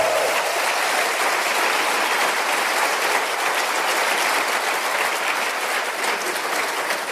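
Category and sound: crowd, audience applauding loudly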